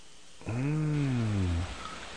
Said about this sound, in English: Yeah, chicks don't snore. She's only been on hold for 115 minutes.